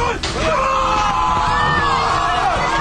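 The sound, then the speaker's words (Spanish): A large crowd roars and yells continuously, many voices shouting and cheering together at high volume, with a few louder individual cries rising above the dense, sustained noise. “Escucharon recién todos por gritar el relato, de hecho, de Marcelo Araujo”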